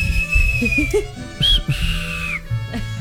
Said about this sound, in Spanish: Un chiflido para el King de parte de la última y nos vamos.